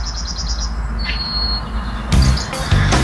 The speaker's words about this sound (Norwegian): Hør på denne fuglekvitteringen da.